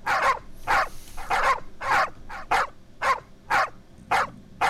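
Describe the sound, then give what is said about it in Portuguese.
Dogs barking in a steady, rapid string of about nine loud barks, evenly spaced, with no talking over them. “Agora acorda a cachorrada tudo dando, agora sim, agora vai.”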